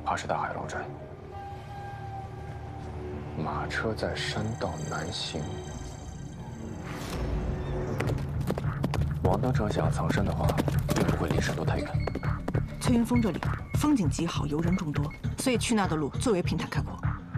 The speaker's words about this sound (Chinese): 马车在山道南行。